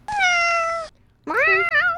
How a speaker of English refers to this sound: Can you play the cat noise?